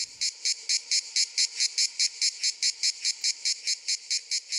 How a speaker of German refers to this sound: Kroatien oder Griechenland unterwegs ist, kennt diesen Klang. Das gleichmäßige Singen der Manna-Zikade gehört dort vielerorts zu den heißen Tagen. Auch die Tiere selbst fallen auf. Sie sind relativ groß, kräftig gebaut, mit durchsichtigen Flügeln.